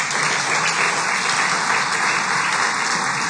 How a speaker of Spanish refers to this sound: Maestras, sí, un fuerte aplauso para todos ustedes.